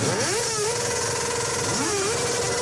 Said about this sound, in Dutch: Zij werden uit hun bed getrild door het geluid van brommers zonder knalpijpen. Luilak heet dat. Zo hard mogelijk geluid maken.